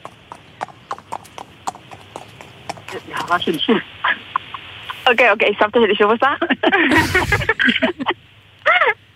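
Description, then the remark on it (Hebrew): A person imitates a horse's whinny with a loud, quavering, wavering voice, after a run of rhythmic tongue clicks like hooves; a short final whinny burst follows, with brief talking mixed in. “זה דערה של סוס, אבל...”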